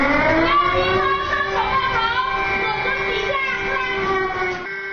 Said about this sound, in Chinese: 随着警报声的响起，孩子们迅速蹲下，紧紧抱住头部，钻到课桌下方。这是学校在模拟逃生通道堵塞后，师生该如何在地震中快速学会就近寻找安全位置，保护自身安全。